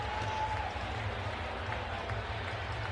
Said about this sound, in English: Stunned crowd here in Pittsburgh cannot believe it.